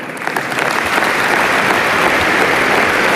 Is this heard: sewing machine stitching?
no